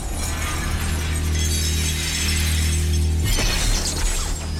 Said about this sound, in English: The testing room quakes, and Triss charges forward, tearing herself free of the cords. Her face contorted with rage, she smashes through the observation window into the control room.